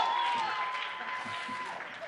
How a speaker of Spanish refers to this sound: Un fuerte aplauso para nuestro tercer grupo de improvisación.